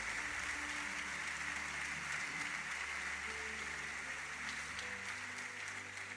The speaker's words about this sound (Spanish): Dele un buen aplauso al que escucha.